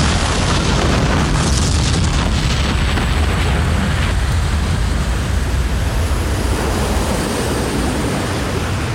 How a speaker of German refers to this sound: Schließlich riss das Schiff mit einem grellen Blitz auseinander und verschwand im leuchtenden Kugelball einer ohrenbetäubenden Explosion.